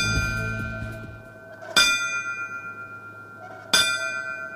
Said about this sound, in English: The ringing of bells honored the fallen firefighters on that fateful day during the Riverfront Museum's 9/11 remembrance ceremony today.